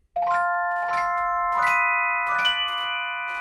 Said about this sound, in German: Das ist eine Art Glockenspiel, schaut aber aus wie ein Mini-Pianino. Weil es genau das ist. Es ist eine Kombination aus Glockenspiel und Pianino. Und klingt halt nicht nach Klavier, sondern klingt so.